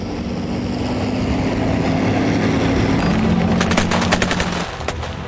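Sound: aircraft engine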